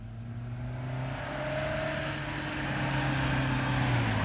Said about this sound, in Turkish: Araba geldi Brownwell. Geldi ya.